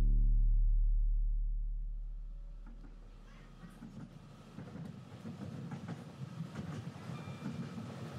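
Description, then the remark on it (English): A train rolls along the rails, starting with a deep, droning hum that fades into a steady rumble with irregular clanks and rattles from the wheels on the track. “Ladies and gentlemen, this train terminates here. All change, please.”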